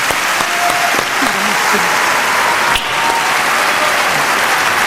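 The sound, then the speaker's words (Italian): A large audience claps steadily and loudly in the Teatro Ariston for pianist Giovanni Allevi, a dense continuous wash of applause with faint voices and a few brief tones beneath it. “Prenditi l'applauso del tuo pubblico.”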